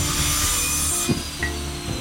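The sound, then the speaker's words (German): A steady, gritty mechanical whine, like a circular saw cutting, comes from a backyard. It runs for two seconds with a constant droning tone and brief harsher bursts partway through. No one speaks. “Das ist eine Maschine? Eine Kreissäge?”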